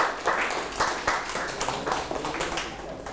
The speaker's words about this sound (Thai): โอเคปรบมือให้เพื่อนด้วยครับ